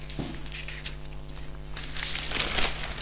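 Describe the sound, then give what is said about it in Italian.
Dry paper rustling as newspaper pages are turned to look for news inside the paper: a quick swish near the start, then a longer crackling flurry toward the end, over a steady low hum with no talking. “E adesso entro a vedere tra le pagine all'interno del giornale qualche altra notizia.”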